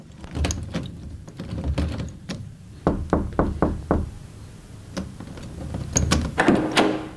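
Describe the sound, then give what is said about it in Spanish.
A quick run of about six sharp knocks on a locked door, preceded and followed by scattered clicks and rattles as the key is turned to unlock the door and it is opened, with no voices. “Yo toqué y usted quitó la llave y abrió la puerta.”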